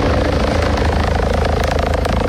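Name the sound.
rescue helicopter flying overhead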